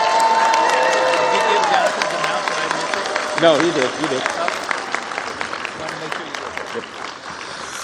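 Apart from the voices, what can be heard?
audience applause and cheering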